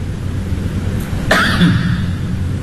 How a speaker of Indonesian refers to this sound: Batuk tu bukan setakat tutup mulut, cungkil gigi.